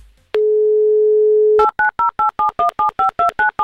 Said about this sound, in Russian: Номер телефона набран. Остается нам дождаться, соответственно, гудка, соединения. Не буду говорить, что это писк, потому что на писк это не похоже, но похоже, вот, это был он.